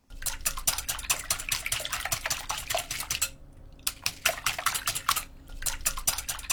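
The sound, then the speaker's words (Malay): A whisk clinks rapidly and steadily against a bowl as two eggs and 50 grams of sugar are beaten together, a fast metallic rhythm of scraping taps, pausing briefly twice before resuming, with no voices. “Kalau putih telur dan kuning telurnya sudah tercampur rata, tambahkan 50 gram gula, kemudian kocok hingga menyatu dengan kocokan telurnya.”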